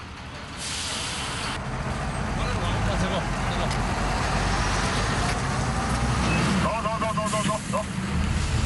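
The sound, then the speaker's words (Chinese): A heavy truck carrying a 94-metre wind turbine blade rumbles loudly and steadily amid road noise as it turns at a crossroads, reversing and moving forward several times with road marshals guiding it, with a brief high squeal like an air brake near the end and some indistinct voices in the background. “司机需要在路面指挥的协助下，经过数次倒车前进，才能转过一个人们司空见惯的十字路口。”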